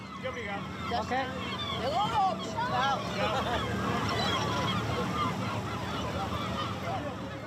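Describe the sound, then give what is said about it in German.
Seagulls call repeatedly over a busy murmur of voices, their rising, squealing cries overlapping at a moderate level against a steady background hubbub. “weil immer nur sie von den Möwen getroffen wird.”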